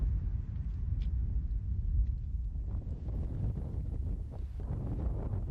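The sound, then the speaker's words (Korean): Steady wind roars across open ground in a cold, desolate high mountain valley where nothing else can be heard. It is a continuous low rumble with gusty buffeting against the microphone and no voices, sustained and fairly loud throughout. “기온은 뚝 떨어지고 바람소리 외에는 아무것도 들리지 않는 적막한 땅 한가운데 움푹 패인 분지가 드러납니다.”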